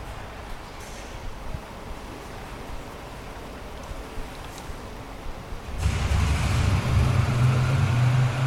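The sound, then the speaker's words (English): Construction site noise: after several seconds of quiet hiss, a loud machine drone abruptly starts, with a heavy low hum and broad rumbling noise holding steady to the end. No one speaks. “Oh, that's the construction site.”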